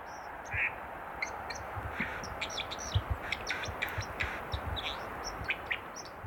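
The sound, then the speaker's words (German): A white-throated dipper calls in a quick series of sharp, high chirps against a steady rush of flowing water. “Die Wasseramsel ist eben sozusagen in einem ganz anderen Lebensraum unterwegs als jetzt eben unser beliebter Gartenvogel, die Amsel, an den Gewässern.”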